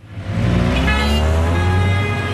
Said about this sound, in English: the winding, car-choked streets of La Paz.